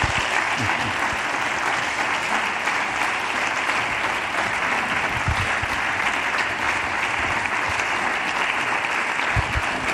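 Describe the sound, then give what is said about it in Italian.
An audience claps steadily for a music trio invited onto the stage, a dense, loud wash of many hands for the full stretch with no breaks and no voices breaking through. “Un applauso per la triada.”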